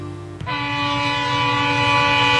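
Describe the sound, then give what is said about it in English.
A loud, sustained train horn blares with steady tones while a freight train rumbles, its low rolling clatter continuing underneath without any voices. “When it's time to move your harvest, you need a rail partner you can trust. And at BNSF, we're more than just a railroad.”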